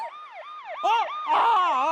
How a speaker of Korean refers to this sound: 병원차가 아니라 경찰차 소리였구나.